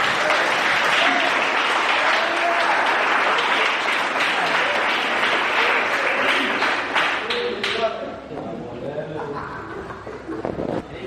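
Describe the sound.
An audience bursts into loud, sustained applause, a dense wash of clapping that holds for several seconds, then thins out as a voice begins talking over the last scattered claps.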